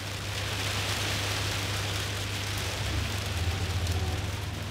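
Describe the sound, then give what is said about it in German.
Steady rain patters down on a hard surface, a dense, even hiss of countless drops with a low hum running underneath. No voices are heard. “Und bei Regen erst recht nicht.”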